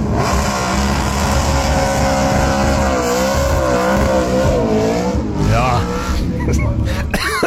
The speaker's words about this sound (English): All that smoke. If you guessed GT Falcon, you're on the money.